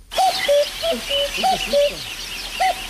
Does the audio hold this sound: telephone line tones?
no